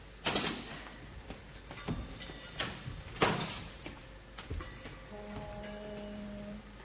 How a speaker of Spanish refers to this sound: Ha sonado el timbre de la puerta de calle, señorita. Vaya usted y abra.